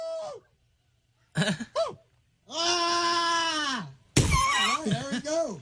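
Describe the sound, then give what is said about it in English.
A person in a Bigfoot calling contest imitates a Bigfoot call: a few short whooping yelps, then a long, sustained wavering howl, followed by a burst of rough, rising and falling hollers. “61 adults competed for the title of the best Bigfoot call.”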